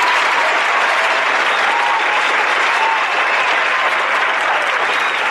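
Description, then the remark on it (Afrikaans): A steady burst of applause from a group, dense and loud, with many hands clapping continuously and evenly throughout without pause or talking, for the winner of the Bikkie Likkie competition. “Baie, baie geluk aan, kom ons, waar is ons aan een klap?”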